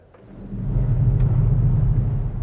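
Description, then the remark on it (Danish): A deep, steady low rumble swells in over the first half second and holds, like a distant storm, produced by an organ's thunder pedal, a large pedal above the pedal keys that presses all 12 lowest pedal keys at once. “Når jeg træder på den, så træder jeg på alle de 12 nederste tangenter på én gang. Og det kan være et meget, meget, meget diskret og fjernt uvær.”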